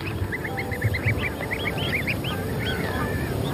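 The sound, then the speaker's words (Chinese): Adult greylag geese that have shed their flight feathers and cannot fly honk in a rapid, overlapping chorus of short nasal calls that keep going throughout, set over a steady rushing background noise, with no one speaking. “雌性赤狐把目光放在了灰雁身上，一些成年灰雁的飞羽已经脱落，飞不起来了，可想抓住它们并不容易。”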